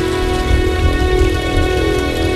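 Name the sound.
rainstorm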